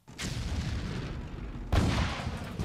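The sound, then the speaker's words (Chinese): Artillery fire heard from outside in Fuzhou: two heavy booms about a second and a half apart, each rolling into a long, low rumble that fills the air, with no voices present. “没有人注意外面传来的炮声的远近”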